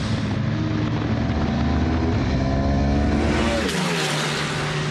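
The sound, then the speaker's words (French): A loud V4 superbike engine roars continuously on the Misano track, its harmonic whine climbing in pitch as it accelerates, then dropping sharply near the end as the rider shifts or backs off. No speech. “Quelle expérience de dingue de rouler à Misano sur la V4 avec Matteo Ferrari, donc en tête du championnat d'Italie Superbike”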